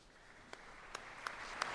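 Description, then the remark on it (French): Quiet applause from a crowd as the Pope ends a meditation at the foot of the Virgin Mary of Montserrat, a soft hissing wash of clapping that slowly swells, with a few sharper individual claps standing out at irregular moments. No voices. “Et sous les applaudissements que le Papa a terminé cette méditation au pied de la Vierge Marie de Montserrat”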